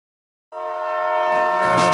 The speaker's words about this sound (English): Chukutaka, chukutaka, like a train, y'all.